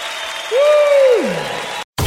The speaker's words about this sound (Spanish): aplaudamos al Señor.